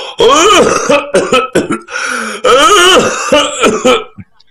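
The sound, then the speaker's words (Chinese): A man's voice imitates an old man of about 60 coughing and clearing his throat as he walks out of a house to answer a call at the door: several loud, rasping bursts in an uneven rhythm, with no other speech, trailing off near the end. “刚喊了一声，就听见脚步声音，有人咳嗽着走出来。”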